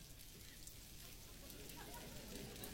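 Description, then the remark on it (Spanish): A soft, steady patter of many fingers tapping palms as a church audience claps with their fingers to imitate the first rain of a storm; a continuous crackling wash with no voices, fairly quiet and even throughout. “Yo quiero que hagas así con un dedo, aplaudas con un dedo fuerte.”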